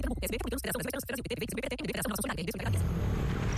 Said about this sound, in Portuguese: Amor, ouviu essa moto? Deve ser um entregador.